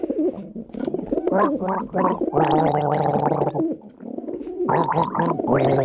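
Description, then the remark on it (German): A person gargles loudly, producing bubbling, tonal gurgles in several bursts with brief pauses between them, with no other talk. “Selbstverständlich, hier sind die Vogel und du darfst gurgeln.”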